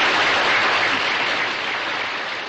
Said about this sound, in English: Let's have a nice round of applause for Mr. Orson Welles.